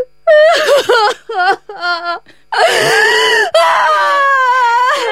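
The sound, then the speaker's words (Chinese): A woman cries and wails loudly, starting with short, broken sobbing bursts, then rising into long, quavering, high-pitched wails that continue to the end. No words are spoken. “有话好好说嘛，你说你哭个啥呀？”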